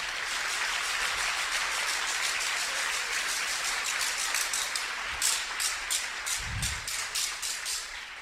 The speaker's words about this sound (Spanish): Un aplauso para Jesús.